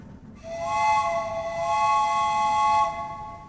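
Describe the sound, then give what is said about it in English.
A train whistle blows one long, steady chord of several harmonic tones, starting sharply and holding for about two and a half seconds before cutting off, with a low rumble underneath. “The trains are coming.”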